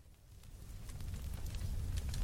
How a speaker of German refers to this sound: Lagerfeuer. Richtig. Hätten das die anderen auch gewusst? Ja. Ja, ja. Irgendwas mit Feuer auf jeden Fall.